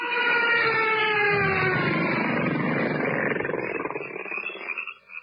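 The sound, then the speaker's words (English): Mosquitoes buzz on a humid night in a dense, continuous whining drone, with higher tones sliding slowly downward, filling the air for several seconds before thinning out near the end. No one speaks. “Blast those mosquitoes!”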